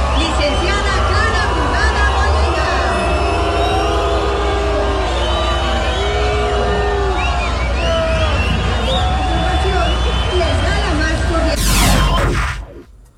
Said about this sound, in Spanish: No me quedó claro si fue abucheo, ¿no? Sí. Estaban diciéndole brugada. ¿Sí? No, sí fue abucheo.